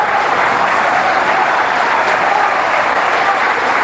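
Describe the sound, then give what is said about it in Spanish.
A stadium crowd gives a loud, sustained ovation for Leandro Paredes, Boca's captain, as the rest of the team leaves the pitch after a 3-0 win over Unión de Santa Fe. Dense applause and cheering form a steady wall of noise for the whole stretch, with no individual voices standing out. “Impecable, La ovación para el capitán de Boca cuando iba saliendo el resto del grupo.”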